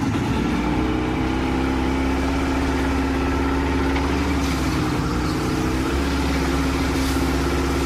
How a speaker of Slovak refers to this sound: Čaute, je to zvuk z motorového člna.